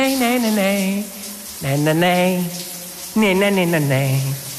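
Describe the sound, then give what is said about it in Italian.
On a radio programme, a voice imitates a running shower in three sustained bursts, a loud hissing, gushing rush of breath and voice that rises and falls with brief pauses between. “La rifaccia, le rimetto la doccia?”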